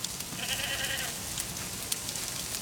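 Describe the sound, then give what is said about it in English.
A worker goat in Irving lets out one short, quavering bleat, fairly faint, over a steady hiss of outdoor background noise. No one speaks. “But the worker goats will continue doing their jobs throughout the summer.”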